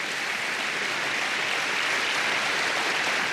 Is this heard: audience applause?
yes